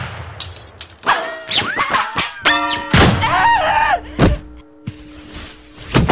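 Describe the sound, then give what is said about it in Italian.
Several sharp, loud gunshots ring out among ringing, whistling tones and clattering impacts, as a shot fired at a filled bottle shatters it in a burst of crashing debris. “Clara è crepata per un colpo di rimbalzo sparato ad una bottiglia ripiena”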